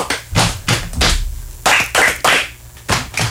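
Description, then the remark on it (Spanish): A steady rhythm of dull, thumping slaps on the legs alternating with sharper hand claps, repeated about eight times with no talking; a body-percussion rhythm done as a mini-game. “Vamos a hacer primero en la pierna. 1, 2, 3, aplausos. Pierna, aplausos.”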